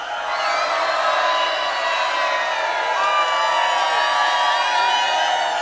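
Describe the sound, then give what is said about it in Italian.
A large audience shouts and cheers together on cue in a loud, sustained roar of many voices, holding steady at full volume for several seconds without any break. “Gridare!”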